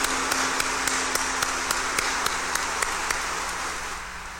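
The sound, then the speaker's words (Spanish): A crowd applauds steadily in congratulation of birthday celebrants, a dense wash of many hands clapping that holds fairly loud for several seconds before easing off slightly at the end, with no talking over it. “Démosles un fuerte aplauso de felicitación.”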